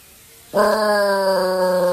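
After a brief hush, a dog named Smokey breaks into a loud, sustained howl with a rich, slightly wavering pitch, joined by the faint steady wail of an outdoor air-raid siren being tested on the first Monday of the month.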